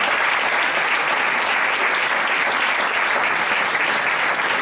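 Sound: audience applause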